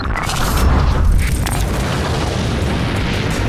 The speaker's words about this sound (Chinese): 《利剑壮歌》第一集《大国剑魂》首次公开了东风导弹实弹打靶命中靶心爆炸的震撼画面。